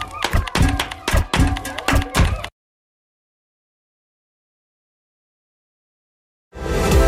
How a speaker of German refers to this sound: Ihr seht zwar etwas benämmert dabei aus, aber klingt gar nicht schlecht. Da klatsche ich doch gleich mal im Takt dazu.